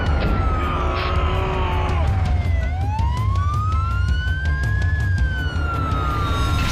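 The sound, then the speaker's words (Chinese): A stuck fire truck's siren wails loudly, its tone sliding down and then slowly climbing again over a steady low engine rumble. “消防车卡死了。”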